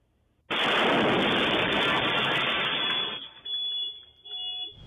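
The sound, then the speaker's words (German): A sudden, loud explosion of a shisha lounge on the Zeil in Frankfurt at 4:19 a.m. bursts out and roars for a few seconds, then fades into rumbling debris and rattling noise. No one speaks. “Als diese Shisha-Lounge explodiert.”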